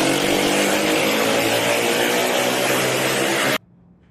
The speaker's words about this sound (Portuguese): Os policiais iniciam a perseguição. Nas imagens é possível ouvir o barulho do escapamento de uma das motocicletas.